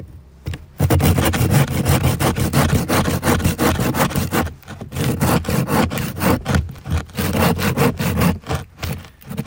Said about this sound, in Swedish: Det låter ungefär som du såg en planka, tycker jag. Ja, det här är ju en del av den här kärnan som kanske är nere på 18 meter någonting. Så den har väldigt hög densitet, tät. Så det var hårt att såga.